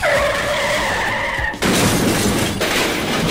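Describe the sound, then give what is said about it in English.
A Saturn Z2000 sports car's tires squeal loudly and steadily for about a second and a half as it speeds off, then give way abruptly to a harsh, roaring burst of noise that continues to the end, with no voices. “Folks, we're going to pick up the pace and see if we can ditch this loser.”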